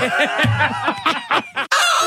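A hen clucks loudly in a rapid, uneven series of squawky bursts, pausing briefly before a final longer cackle: the 'mad hen' cue for CFM radio's Winner Winner Chicken Dinner giveaway. No voices are heard.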